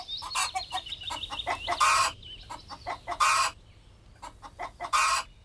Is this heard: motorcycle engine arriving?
no